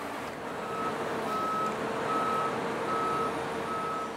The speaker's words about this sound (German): 60 Tonnen wiegt der 5-Achser, der die Heukenlock in den Diamantgraben hieven soll. Fast 6-mal so viel wie das Boot selbst.